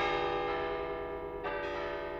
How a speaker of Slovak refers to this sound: Toto bolo počuť na veľké sviatky. Spoločný slávnostný spev štyroch zvonov sa nazýval plénum, čo znamená plný zvuk.